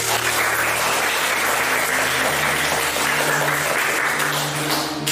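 An audience applauds steadily for about five seconds to welcome a presenter who will explain two aircraft models, a dense, continuous wash of many hands clapping at once, fairly loud, with no one speaking over it.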